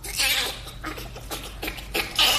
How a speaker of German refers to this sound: Und wir vergleichen das mit dem Lachen des Bonobos.